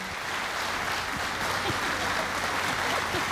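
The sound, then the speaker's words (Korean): A crowd applauds steadily to welcome a teacher as the guest of honour, a dense wash of many hands clapping at an even loudness from start to finish, with faint voices murmuring underneath. “네, 여러분 큰 박수로 맞아주시면 감사하겠습니다.”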